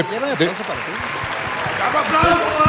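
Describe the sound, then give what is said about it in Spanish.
Steady audience applause forms a dense, crackling wash throughout, with several voices talking loudly over it. “¿Ya envejecieron los aplausos?”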